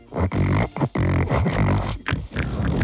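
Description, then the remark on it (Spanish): A voice imitates a pig with loud, throaty grunts and snorts, repeated in quick, uneven bursts for a few seconds with brief gaps between them. “Haces el sonido del cerdo, que es más o menos esto.”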